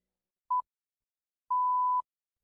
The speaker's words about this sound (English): Ob znaku bo ura 20.